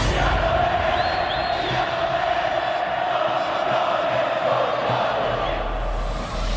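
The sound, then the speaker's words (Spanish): A large football crowd roars continuously as fans shout their team's goals, a dense wall of cheering and shouting voices that stays loud and steady throughout, with no single voice standing out. “Gritando sus goles.”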